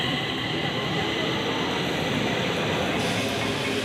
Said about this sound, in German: Die Stockholmer U-Bahn heißt übrigens Tunnelbahner. 900.000 Fahrgäste nutzen sie täglich und das nicht nur, weil sie Spaß macht.